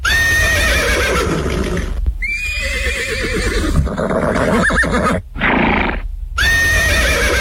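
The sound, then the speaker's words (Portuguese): A herd of young horses (colts) whinnies loudly, high shrill neighs overlapping one after another almost without pause, with a faint clatter of hooves underneath. “No relincho da potrada vai começar mais um programa dedicado à cultura com a força do gaúcho.”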